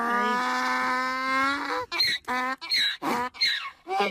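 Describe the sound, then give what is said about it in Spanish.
A fariñeiro donkey brays loudly on its own, opening with a long, steady, droning wail, then breaking into about six rhythmic, rasping hee-haw gasps that alternate in pitch. “Te vino de poñer moi fácil, porque todo o mundo acertou que era un burro.”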